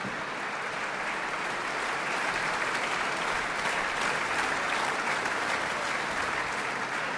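Sustained applause from a large concert audience, a dense, steady wash of clapping that holds at an even level for several seconds with no voices rising above it.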